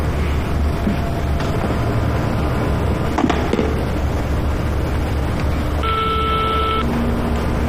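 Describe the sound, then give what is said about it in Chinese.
A single steady electronic telephone tone, about a second long, sounds near the end as someone places a phone call, over a loud, continuous rumbling background like traffic or engine noise. “要不我再给他打个电话？”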